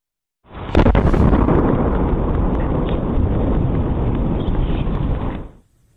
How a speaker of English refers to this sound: the double boom was caused by a 3-foot-wide meteor entering the atmosphere near Massachusetts